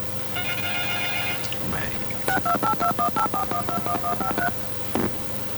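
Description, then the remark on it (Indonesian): A quick run of about a dozen evenly spaced telephone keypad beeps, like a number being dialed, preceded by a softer stretch of line tones over a steady background hum, as an incoming phone call is picked up. “Bang, sepertinya sudah ada telepon yang masuk di sana, boleh kita angkat ya.”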